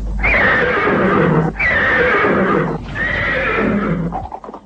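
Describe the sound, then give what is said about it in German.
A horse whinnies loudly in three long, bright neighs with brief breaks between them, trailing off at the end, with no one speaking; used to announce the short broadcasts of Bremen's Radio Zebra. “Dieses fröhliche Wiehern war zunächst eine ganze Woche lang täglich zu hören und kündigte kurze, nicht mehr als 5 Minuten lange Sendungen an.”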